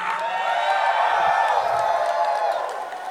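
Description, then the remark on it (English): A large indoor crowd at the DEF CON 27 conference cheers and whoops continuously, a dense roar of voices with scattered high shouts and some clapping, loud and sustained for a few seconds before easing slightly. “DEF CON 27, get up for yourselves one time.”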